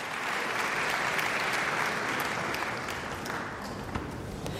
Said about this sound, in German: Und jetzt Bach, ein Largosatz, viel, viel Beifall aus dem Publikum in der Saarbrücker Kongresshalle.